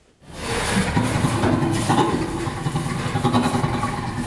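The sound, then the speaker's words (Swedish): Breathy, rhythmic great ape laughter, one of 140 recordings of ape and human laughter analyzed by researchers: a steady run of rapid, raspy panting pulses that starts abruptly and holds at a fairly loud, even level throughout, with no human speech. “Det rör sig alltså om inspelningar med skratt från 4 orangutanger, 2 gorillor, 3 bonobo-apor, 4 schimpanser och så 4 människor mellan 6 månader och 7 år gamla.”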